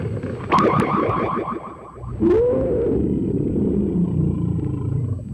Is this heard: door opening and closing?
no